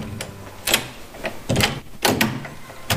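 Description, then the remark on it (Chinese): A locked bedroom door in a family home being unlocked and opened: a series of sharp metallic clicks and rattles, then a louder clunk as it swings, with no voices. “先生开门，慢腾腾的，快点嘛你！”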